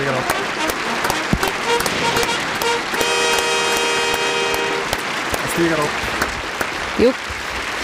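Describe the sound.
Steady applause fills the whole stretch, a dense clatter of claps that stays fairly even in loudness, with a sustained horn-like tone sounding briefly in the middle and a few murmured voices underneath.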